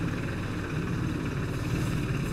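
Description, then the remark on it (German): A farm loader tractor driven slowly forward and backward by a child: the engine drones steadily at low speed, a constant deep rumble with a faint rhythmic chug, fairly loud, with no voices over it. “Er kann jetzt mal so gerade, wenn er sich anstrengt, vorwärts fahren und rückwärts fahren.”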